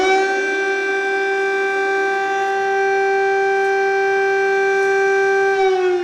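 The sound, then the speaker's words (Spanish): A loud, sustained air raid siren wails on a steady pitch without pause, its rich tone holding constant for several seconds with no voices or other sounds present. “Esta sirena que vamos a escuchar.”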